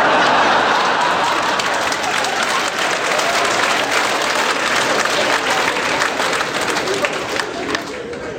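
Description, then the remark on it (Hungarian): A crowd at a work brigade meeting applauds steadily, dense clapping filling the whole stretch at an even, loud level without pause. “A felajánlás hatására mindenki tapsolt, egészen addig, míg le nem telt a munkaidő.”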